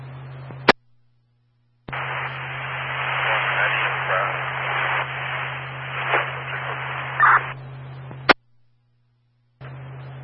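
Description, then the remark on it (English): A burst of harsh radio static hisses for about six seconds, opened and closed by sharp squelch clicks, over a steady low hum, with another short crackle starting at the end. “It's all static.”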